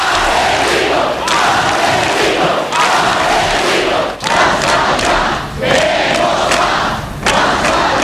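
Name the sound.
crowd shouting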